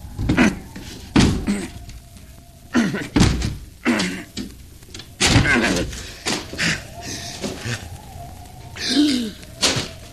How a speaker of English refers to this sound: No. The door's locked. I'll have to break it down.